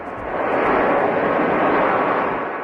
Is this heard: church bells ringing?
no